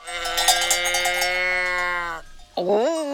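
Several bells hung around the necks of a herd of cows clank and ring together in a dense, sustained jangle for about two seconds. After a brief pause, a short rising moo-like sound follows.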